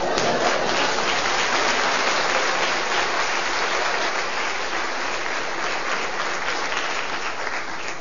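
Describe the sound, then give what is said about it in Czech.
Sustained applause from a sizable audience welcoming a speaker, steady and loud throughout, a dense wash of many hands clapping at once with no voices standing out. “Děkuji vám, vážení přátelé, že jste mě uvítali potleskem.”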